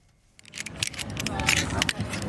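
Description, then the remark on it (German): Carabiners click and clink against each other in a quick, irregular series of sharp metallic snaps at an outdoor climbing wall on a sports complex in Holon, south of Tel Aviv, Israel, as men and women tie figure-eight knots, with a faint murmur of voices in the background. “Karabiner klicken, Männer und Frauen knüpfen Achterknoten.”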